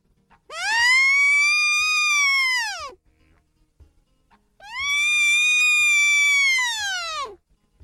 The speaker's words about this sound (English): The sound of a deer call. It's a very simple little thing made out of two strips of wood with a little space between and a rubber band stretched between that little space.